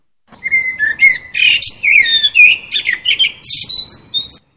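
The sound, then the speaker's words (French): A blackbird sings, a continuous run of fluty whistles and rapid twittering phrases lasting several seconds, loud and clear with no voices. “Moi, je ne suis qu'un merle, mais de mon perchoir, je vous vois tout saccagé.”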